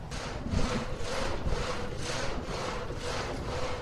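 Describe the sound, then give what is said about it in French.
A water-powered reciprocating frame saw, called a châssis in the Haut-Jura and driven by a water turbine, cuts through wood in steady, rhythmic strokes, each rasping pass repeating about twice a second over a constant mechanical rumble, fairly loud, with no talking. “Eh ben là, on voit que j'ai mis en route la turbine qui est elle-même a mis en route notre scie alternative qu'on appelle un châssis dans le Haut-Jura, quoi.”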